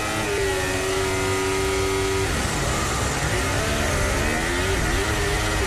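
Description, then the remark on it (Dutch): Lewis Hamilton's Formula 1 car makes a practice start with wheelspin. Its engine holds a steady high whine for about two seconds, then the pitch drops and wavers through a loud, rough revving roar in third gear, with vibration on the rear axle. “Wielspin ook weer, ja. Derde versnelling, trilling op de achteras.”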